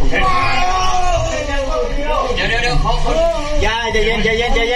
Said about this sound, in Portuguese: Os vídeos mostram a operação dentro da caverna estreita. Dois socorristas tentam puxar um dos homens que grita.